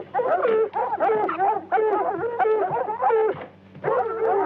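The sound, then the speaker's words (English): Several wild dogs yip and bark close by, a dense, overlapping chorus of high, wavering cries that keeps going with only brief pauses between bursts. “And hell, we've got scent of something out there, all right. Wild dog. Close in by the sound of them.”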